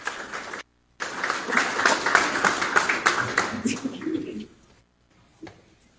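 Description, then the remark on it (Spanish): A school event audience claps steadily for a few seconds as a student is invited onto the stage, a dense burst of overlapping hand claps that fades out abruptly, leaving near silence. “Así que un fuerte aplauso, por favor.”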